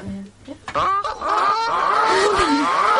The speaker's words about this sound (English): That is a goose squawk. Just because.